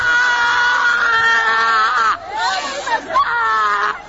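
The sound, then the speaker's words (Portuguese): During an exorcism prayer, a person screams loudly and continuously, the strained voice wavering and breaking into ragged cries midway before rising again into a sustained, piercing wail, with faint crowd noise beneath. “Vai gritando para Jesus queimar ele.”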